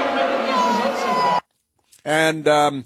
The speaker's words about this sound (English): And here is the Democrat leader in the House of Representatives showing up on the screen at the Claire Valdez party. There he is. I don't think they like him. They're booing him.